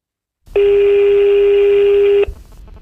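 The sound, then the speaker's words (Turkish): A single steady telephone dialing tone sounds loudly for nearly two seconds before a phone call, then cuts off abruptly, leaving a faint background hiss. No one speaks. “O arkadaşlardan bir tanesiyle böyle birazcık eğlenceli bir telefon görüşmemiz oldu. Aradı beni, işte bir şarkı sordu, geldi mi elinize, dinlediniz mi falan filan diye.”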